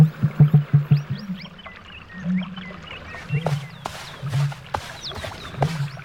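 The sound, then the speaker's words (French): A male bird's loud, deep courtship call: a quick burst of five or six low booming pulses, then several drawn-out low hoots, with smaller birds chirping and twittering throughout. “Va falloir que je crie plus fort que les autres mâles si je veux me faire remarquer.”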